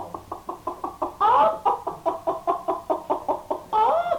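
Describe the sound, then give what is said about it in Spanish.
A hen clucks in a quick, steady series of short pulses, broken twice by a longer, rising squawk, fairly loud with no talking. “Aquí tienen esta gallina para que se hagan una sopa cuando lleguen a la ciudad.”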